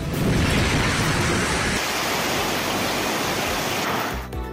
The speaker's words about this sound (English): Heavy rainfall lashes several parts of Srinagar. IMD has warned of an extended wet spell in Jammu and Kashmir from July 19 till July 23rd.